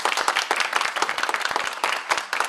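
An audience claps steadily, a dense patter of many hands forming sustained applause at a fairly loud level, with no voices standing out over it.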